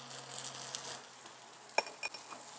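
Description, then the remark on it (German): A soft, crackling sizzle of oil heating in a plain, bare pan on a grill fills the first second, followed by a couple of sharp metallic clinks against the cookware, with no voices. “Also, zuerst die Pfanne heiß machen. Eine ganz normale, blanke Pfanne, wie ich es auf den Herd stellen würde. Dann kommt Öl rein.”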